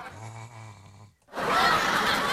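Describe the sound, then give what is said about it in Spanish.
A sleeping turtle snores up close to the microphone: one low, buzzing, rattly inhale, a brief pause, then a loud breathy hiss of an exhale. “Pero cómo ronca la tortuga.”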